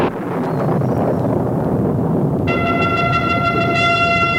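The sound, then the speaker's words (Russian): A deep, steady rumble like rolling thunder fills the whole clip, and about halfway through a loud, sustained trumpet blast enters, holding a bright, brassy tone over the rumbling. “Сквозь гром и звук трубы прозвучал голос Божий.”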